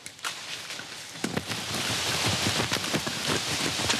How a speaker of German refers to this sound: Alter Schwede, es regnet.